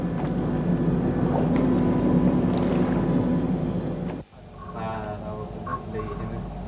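A steady engine drone rumbles like a ship underway at sea, broken by a brief cut before the hum resumes with faint, muffled voices or tonal noises over it.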